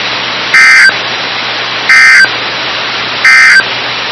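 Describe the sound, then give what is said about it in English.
A loud, buzzy electronic alert tone sounds in three short, evenly spaced bursts over a steady background hiss, a test of the weather radio warning alarm on station KIH 54 serving the Birmingham listening area. “This has been a test of the no-weather radio warning alarm device.”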